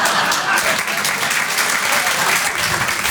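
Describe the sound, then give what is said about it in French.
Steady audience applause at a stand-up comedy show fills the whole stretch, a dense, loud wash of many hands clapping at once with no pauses and no voices rising above it. “Ceux qui n'ont pas applaudi, c'est des jaloux.”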